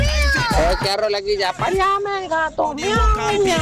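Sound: cat meowing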